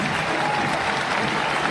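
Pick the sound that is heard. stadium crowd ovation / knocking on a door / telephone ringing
stadium crowd ovation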